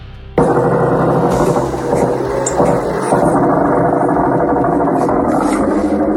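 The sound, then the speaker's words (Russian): Attack drones fly over a house during a drone attack on Ust-Luga: a loud, steady buzzing drone without pause, a harsh engine-like whine with layered harmonic tones that starts abruptly and holds its pitch for several seconds, with no voices. “Над домом летают. Жужжат, и все где-то летит.”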